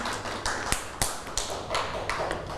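Children clap their hands in a loose, uneven scatter of sharp, bright claps, about a dozen over a few seconds, with no talking.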